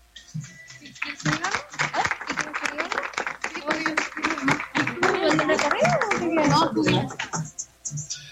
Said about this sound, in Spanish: Muy bien, pues entonces en ese momento ya queda formalmente inaugurado Distrito Cafetería aquí en Constitución 134 y pues el aplauso que se escuche fuerte porque ya con eso nos vamos a conocerlo, a pasar, a degustar,